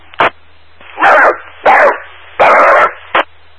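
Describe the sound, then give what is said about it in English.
A dog barks five times in an uneven rhythm, mixing short sharp yaps with longer, drawn-out barks, and a low steady hum runs underneath. No one speaks. “I need to feed you to my dog.”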